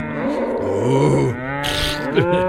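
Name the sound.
cow mooing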